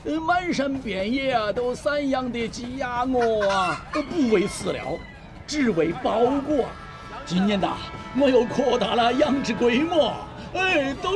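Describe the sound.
Home-raised fat hens, three left for sale at a market stall, cluck repeatedly in short, choppy bursts, steady throughout, mixed with a busy background of voices talking over them.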